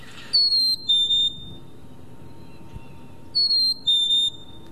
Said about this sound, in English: So if I play the sound of a black-capped chickadee